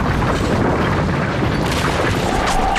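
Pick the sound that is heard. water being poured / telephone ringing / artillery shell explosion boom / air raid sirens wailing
artillery shell explosion boom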